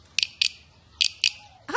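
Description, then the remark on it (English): A guiro scraped with a stick over its ridges in four short, bright rasping strokes, two quick pairs, mimicking a cricket's chirp. A brief rising tone follows at the end. “Oh, it sort of sounds like a cricket.”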